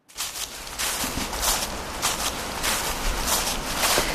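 In late autumn, a man's steady footsteps crunch and crackle through dry dead leaves, roughly one step every half second, each with a bright, brittle rustle over a continuous low background. No voices.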